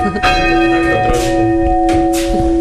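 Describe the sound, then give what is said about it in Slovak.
A church bell rings loudly over the countryside of Spišský Horhol, its strikes leaving a long sustained hum with bright overtones ringing over one another. “Zvony nad krajinou Spišského Horhola.”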